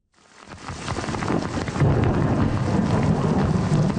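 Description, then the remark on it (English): A storm swells in over a few seconds during a series of thunderstorms in Quebec: a deep, rolling rumble of thunder beneath a dense, steady hiss of heavy rain, loud and continuous, with no voices. “A series of thunderstorms closed streets, damaged homes, and left thousands without power.”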